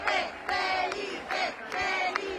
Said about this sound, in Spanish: Y es que han acogido con mucho cariño la visita de don Felipe y doña Leticia. Escucháis los gritos de Felipe, Felipe. Bueno, voy a ponerlo para que lo escuchéis.